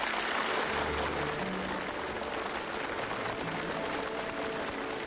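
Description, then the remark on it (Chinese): Warm applause from a large crowd at the opening ceremony of the 2026 World Artificial Intelligence Conference by the Huangpu River, as Xi Jinping delivers a keynote speech; a dense, steady wash of many hands clapping at an even loudness throughout, with faint low hums underneath and no voices. “在热烈的掌声中，习近平发表题为携手构建公正合理的全球人”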